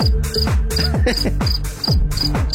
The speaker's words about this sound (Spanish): no te ganaste unos pollitos, ya no llegaste, pero te ganaste unos grillos.